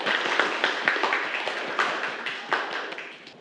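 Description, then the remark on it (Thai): Classroom students clap together for a classmate after a presentation on e-cigarettes, a steady patter of many overlapping hand claps that gradually thins and fades toward the end, with no talking. “ขอบคุณค่ะ ปรบมือให้เพื่อนครับ”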